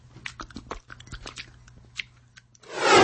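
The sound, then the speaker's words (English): A dog, Churchill, licks and smacks wetly at peanut butter SimPill oral gel emitted from the top of a pill device, with quick irregular slurping clicks over a low hum, ending in a sudden loud rush of noise. “How about we use peanut butter SimPill today? Okay, okay, Church. Sit. Now start licking.”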